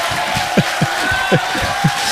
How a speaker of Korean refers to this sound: 야, 여기까지, 야, 여기까지 받아보도록 하겠습니다. 여기까지. 아, 야, 환호와 박수로 예, 많이 끌어봤는데 끌어봤는데 여기까지 예, 하도록 하겠습니다.